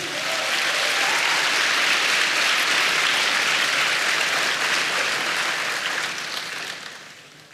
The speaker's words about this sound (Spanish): Dele palmas al Señor.